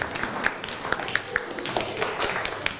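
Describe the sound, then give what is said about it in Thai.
A class of students applauds a classmate who has just answered a question and sat down, a dense, uneven patter of many hands clapping at once with a few sharper claps standing out, steady for a few seconds at moderate loudness. “นั่งลงได้ครับอ่ะปรบมือให้กับเพื่อน”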